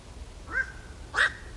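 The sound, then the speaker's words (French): Two harsh, croaking bird calls of a black-crowned night heron, a short one followed by a louder, raspier one, sounding alone with no talking. “Alors justement, on en diffuse un petit extrait là qu'on écoute tout de suite pour se rendre compte de ce cri de cet oiseau du bio-ro gris.”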